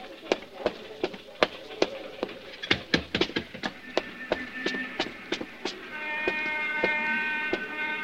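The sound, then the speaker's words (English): A train horn blares in a steady, sustained tone that swells over the last few seconds, following a run of sharp, irregular clanks and clicks. “But someone honked the horn.”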